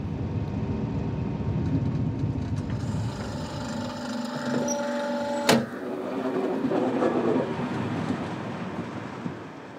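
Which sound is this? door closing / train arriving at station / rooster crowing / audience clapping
train arriving at station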